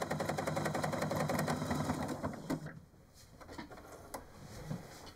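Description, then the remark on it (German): A sewing machine runs loudly with a rough, rapid mechanical rattle that sounds like a tractor, for about three seconds, then slows into scattered clicks and knocks before a few final stitches. “Nur ihre Nähmaschine hört sich heute eher wie ein Traktor an.”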